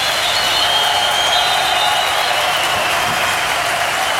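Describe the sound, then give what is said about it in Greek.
A large crowd at an Aris game applauds steadily as someone enters the court, a dense wash of clapping from many hands with a faint murmur of voices underneath, constant and loud for the whole stretch. “Στο γήπεδο μπήκε και χειροκροτεί ο κόσμος.”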